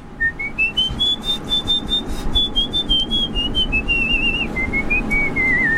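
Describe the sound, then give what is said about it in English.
A person whistles a single high, thin note that glides up, holds a long wavering tone, then slowly dips, sustained for several seconds over a low background murmur. “I can whistle really high just on.”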